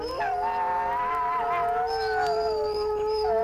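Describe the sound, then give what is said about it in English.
Two wolves howl in long, sustained, wavering tones, one higher in pitch, overlapping and rising and falling together, with no talking. “He whimpers and growls and barks and howls.”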